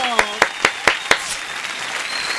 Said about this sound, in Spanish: Albeiro Rincón, con aplausos, bravo.